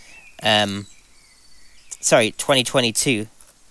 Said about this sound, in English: And they can hear the birds. Yeah, and people can hear the birds as well.